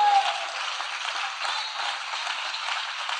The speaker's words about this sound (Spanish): En el nombre del Señor Jesucristo, denle un aplauso al Dios que vive para siempre. Denle un aplauso al Dios que vive para siempre.